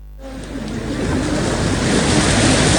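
Ocean waves break on Tirang Beach in Semarang, Indonesia, in a steady, loud wash of surf that swells over a couple of seconds, with a low rumble underneath and some wind buffeting the microphone.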